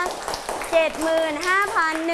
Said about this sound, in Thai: ทุกคนปรบมือให้